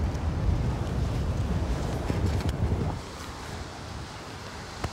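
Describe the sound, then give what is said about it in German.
Strong wind buffets the microphone at a beach where surf anglers are pitching a tent, with a heavy low rumble, roaring steadily for about three seconds before easing slightly, with surf-like wash in the background and no voices. “Nur lass das mal richtig Wind sein, so wie heute.”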